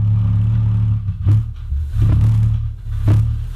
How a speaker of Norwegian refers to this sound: Det faktisk bare 2-4% av oss som kan høre denne lyden, hevdes det. Og her så skal dere få et eksempel. Dette et av mange opptak som ligger der ute av The Windsor Hum fra Windsor I Kanada.